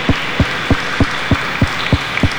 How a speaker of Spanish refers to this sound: Un fuerte aplauso para todos los conductores y para nuestra Madre, la Santísima Virgen María.